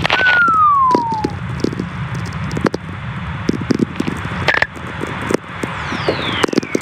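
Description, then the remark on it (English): Radio whistlers caused by lightning, recorded by Stephen McCreevy in a Nevada desert: a clear tone glides downward in pitch over about a second, and a fainter one sweeps down later, over constant crackling, popping static. “Whistlers, they're called. And these were recorded by Stephen McCreevy in a Nevada desert. They are caused by lightning.”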